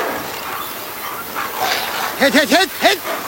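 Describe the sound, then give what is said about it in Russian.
Sled dogs in Alaska let out a quick run of four or so high, yelping barks and yips near the end, over a steady rushing background noise. “Перестаньте причитать. Смотрите лучше за собаками.”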